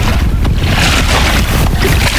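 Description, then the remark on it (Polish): Continuous splashing and lapping of Vistula river water against an inflatable touring SUP (stand-up paddle) board, with a steady rush of wind noise on the microphone and no voices, during a paddleboard trip down the Vistula in Poland toward the Baltic Sea. “I doskonale słychać, że jesteśmy naprawdę nad Wisłą. Tak jest, ta woda jest prawdziwa, nie z proszku.”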